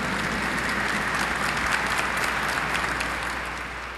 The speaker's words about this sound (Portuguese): Acolhendo os nossos concelebrantes, ministros, acolhendo mutuamente com uma calorosa salva de palmas.